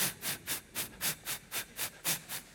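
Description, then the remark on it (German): An audience hisses in rhythmic bursts, about nine evenly spaced pulses, imitating escaping steam like a locomotive chugging, moderately loud with no speech. “Now wir haben die zischende Luft.”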